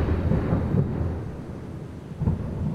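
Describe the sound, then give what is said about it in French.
A rain storm with thunder: a deep, continuous rolling rumble swells and fades over steady rainfall hiss, fairly loud, with no voices. “le ciel fait des siennes, mon cœur ne tient plus, regard, pluie, rafale de vent, coup de foudre.”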